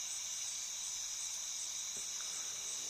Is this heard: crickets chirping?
yes